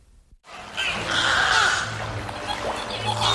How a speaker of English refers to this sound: Chirps, whistles, and clicks fill the beluga habitat at SeaWorld San Antonio, where two rescued whales are settling into their new home.